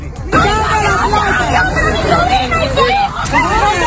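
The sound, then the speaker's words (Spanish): A dense crowd of indignant families in Caracas, Venezuela, shouting and arguing over one another as they confront Venezuelan military police whom they saw stealing money and jewellery from houses destroyed by earthquakes; loud and continuous, with overlapping raised speech and a steady background rumble. “Lo que escuchas son familias indignadas que se enfrentan a la policía militar venezolana al verla robar dinero y joyas de las casas derruidas tras los terremotos hoy, hace 7 días.”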